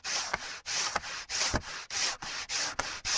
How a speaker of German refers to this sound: So, fertig. Jetzt haben wir alle unsere Holzteile perfekt glatt geschliffen.